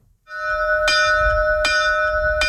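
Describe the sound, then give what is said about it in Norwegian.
A farm bell nearly 200 years old in Sør-Fron, Norway, rings with three evenly spaced strikes, each clang blooming into a loud, sustained metallic tone rich in overtones that hums on between hits over a low background rumble. “Gårdsklokka kling like godt i dag som for snart 200 år siden.”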